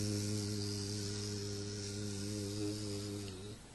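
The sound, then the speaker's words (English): A bee buzzes in flight, holding a steady, low droning hum for several seconds before it abruptly stops. Fairly clear, with no voices. “When bee is flying, she is chanting her mantra. You can hear them.”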